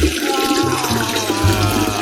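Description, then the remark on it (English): A steady stream of liquid splashing down like a pee sound effect, continuous and fairly loud for about two seconds with a low gurgling undertone and no voices. “I just want to say thank you to the sound man for not using a pee sound effect.”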